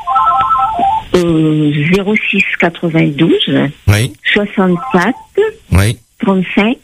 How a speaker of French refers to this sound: J'entends votre téléphone qui sonne.